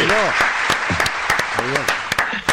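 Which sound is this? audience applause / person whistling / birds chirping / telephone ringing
audience applause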